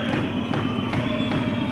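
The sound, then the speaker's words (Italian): A basketball bounces steadily on a hardwood court as Libertas player Penna dribbles late in the third quarter, about five dribbles in a quick, even rhythm, heard against a constant low arena crowd murmur. “Palleggio di Penna.”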